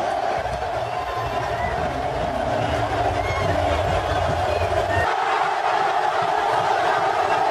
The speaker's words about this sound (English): just the roar of that crowd, man, is unlike anything you'll ever hear.